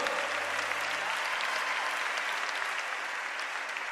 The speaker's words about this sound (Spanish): Dele ese aplauso con libertad al Espíritu Santo de Dios. Déselo fuerte. Ese aplauso.